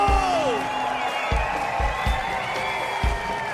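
An audience applauds and cheers for an Icelandic performer who plays transverse flute and trombone, in a steady dense wash, with sustained musical tones and a few regular low thuds running underneath.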